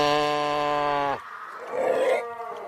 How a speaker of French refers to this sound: Et ça, ce qu'on entend, en fait, c'est des phoques qui se trouvent, voilà, exactement. On voit l'expérience, quand même. Je sais pas si j'aurais deviné, moi, si je l'avais entendu comme ça, mais vous, j'avoue.